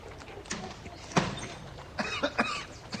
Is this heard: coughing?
yes